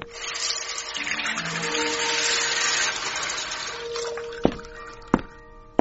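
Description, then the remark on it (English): Water pours steadily onto wisteria plants in a continuous, hissing splash for several seconds, then eases off as a few sharp clunks ring out near the end. No one speaks. “Here, have a drink of water on me.”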